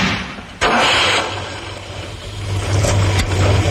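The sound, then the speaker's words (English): A Ford Capri car engine runs steadily with a low rumbling hum, rising slightly in intensity toward the end as if accelerating, with a sharp click near the start. “With a choice of engines, including a new 3-litre V6.”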